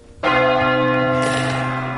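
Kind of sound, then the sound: signal or alarm, large bell being rung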